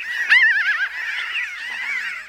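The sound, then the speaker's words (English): A burst of raucous, laughing bird calls, rapid warbling cackles overlapping continuously, fairly loud, with no talking. “Hopefully, with enough attention, research, and collaboration, those strange laughing calls will continue to echo into the future.”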